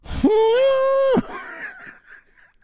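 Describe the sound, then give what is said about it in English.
An imitation of an elephant trumpeting: one loud, blaring, high-pitched call that swoops up, holds steady for about a second, then breaks off into a soft, breathy trail. “That's supposed to be the sound of an elephant.”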